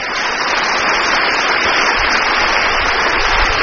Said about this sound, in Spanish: ¡Aplauso para nuestros pastores!